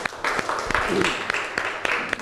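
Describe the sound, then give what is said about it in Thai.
A short burst of applause from a class of students for a classmate who presented a drawing, a dense patter of many hands clapping at moderate volume for a couple of seconds, with some murmuring voices mixed in. “ขอเสียงปรบมือให้เพื่อนหน่อยครับ”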